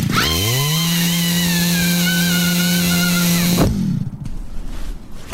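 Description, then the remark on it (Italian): A chainsaw carried on a person's shoulder is pull-started by its cord; the engine sputters to life and quickly climbs to a loud, steady high-pitched drone, holds for a few seconds, then cuts off abruptly, leaving only rough background noise. “E si è messa in spalla la motosega e credo stia per tirare la corda per accenderla.”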